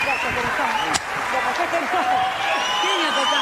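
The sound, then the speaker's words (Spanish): A dense, steady wash of crowd noise, like an audience in Catamarca clapping and cheering together, with overlapping voices throughout and one brief sharp crack near the start. “¡Fuerte ese aplauso, Catamarca!”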